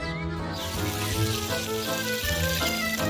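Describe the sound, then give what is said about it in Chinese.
A pot of fish bones, fish heads and leftover scraps of meat simmers slowly over low heat with a steady bubbling hiss that starts suddenly and continues throughout, while background music plays underneath. “剩下的鱼骨、鱼头、边角碎肉，则送入锅中慢火熬煮。”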